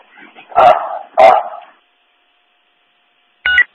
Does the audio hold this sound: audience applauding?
no